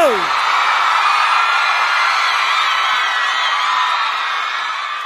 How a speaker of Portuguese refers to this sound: salva de palmas